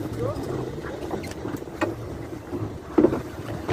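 A boat setting out to sea, bound for Gaza to try to break the blockade: a steady, low engine rumble with water rushing along the hull, broken by a few sharper knocks and splashes, including a louder one near the end.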